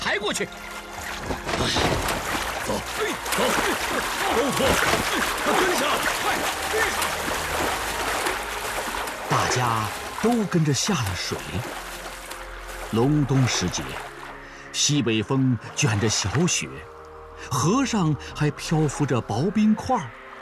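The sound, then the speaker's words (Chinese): Continuous splashing and sloshing of water as people wade through a river about 20 meters wide in deep winter, carrying a grain cart across, with a northwest wind, light snow and thin ice floating on the river; several voices call out over the watery churn in the second half. “大家都跟着下了水。隆冬时节，西北风卷着小雪，河上还漂浮着薄冰块。”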